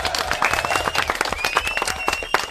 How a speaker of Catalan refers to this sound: Fort aplaudiment. Molt bé.